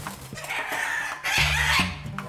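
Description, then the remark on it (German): A caged bird calls repeatedly in short, raspy clucking bursts, steady in loudness, with a slightly louder run of calls midway through. No one speaks. “im Moment fühlt sich der Vogel von Tierarzt Heiner eingeengt”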